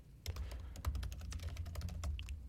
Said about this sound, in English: Y'all hear my typing?